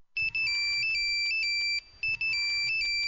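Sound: cell phone ringtone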